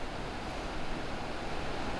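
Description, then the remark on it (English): Heavy rain pours down in a steady, dense hiss that stays constant throughout, with no voices or other distinct sounds breaking through. “There's a lot of rain in the background, guys, so bear with me.”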